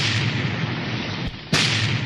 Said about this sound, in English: Aye, there's the sound of adventure. Cannon firing must be a pirate force attacking a fort.